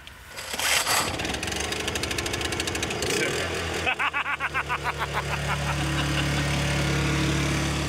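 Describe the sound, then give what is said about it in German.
A built-in power generator, started from inside, cranks over with a rapid, stuttering rhythm, catches, and settles into a loud, steady low-pitched drone that keeps running to the end. “Stromaggregat und das können wir von innen anziehen. Also das können wir von innen starten.”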